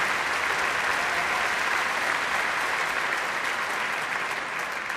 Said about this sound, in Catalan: Doncs seguint amb aquest programa i després d'agrair els aplaudiments,